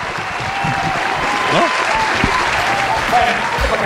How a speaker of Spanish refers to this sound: ¡Un aplauso